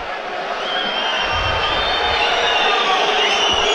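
A large stadium crowd of Botev Plovdiv fans roars steadily at a Bulgarian football match against Cherno More, with shrill whistles cutting through the dense, continuous din and a low jeering undertone, loud and sustained throughout without any clear speech.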